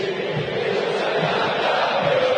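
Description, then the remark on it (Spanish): A stadium crowd at the Monumental roars during a River match in a dense, unbroken wall of voices, holding steady and loud for a couple of seconds with a faint tonal hum running through the noise. “Grito histórico en el monumental.”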